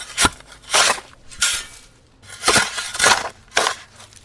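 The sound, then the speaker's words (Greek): A shovel scrapes and crunches into soil in a steady rhythm, about six gritty bursts of digging and tossing dirt, each a broad rasping crunch with pauses between. “Εμένα πάντως μου ακούγεται σαν φτιάρι που σκάβει. Αυτό ακριβώς είναι.”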